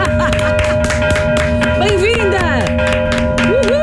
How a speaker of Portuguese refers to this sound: Queres sino ou trompete? Sino. Sino. Aqui está.